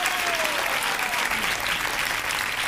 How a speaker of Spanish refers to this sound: fuerte el aplauso.